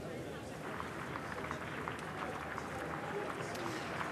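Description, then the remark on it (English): Outdoor crowd in Downing Street cheering, whooping and hollering with steady applause as the new Prime Minister arrives in the afternoon, a dense continuous wash of clapping and voices lasting throughout. “Cheers and applause then as he arrived here in Downing Street this afternoon. Plenty of hollering and whooping.”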